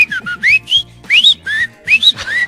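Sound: whistling imitating a goldfinch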